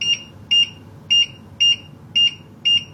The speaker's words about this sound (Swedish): Så tack och lov för att den i alla fall blippar spisen.